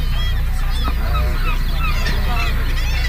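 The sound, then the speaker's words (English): A dense chorus of many birds calling at once at a breeding colony, heard on a boat tour, overlapping honking and squawking cries over a steady low rumble with no pauses. “Now, all of these birds here are here for one reason and one reason only, and that is to get lucky.”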